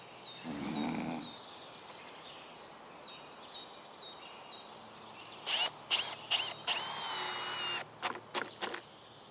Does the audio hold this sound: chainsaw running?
yes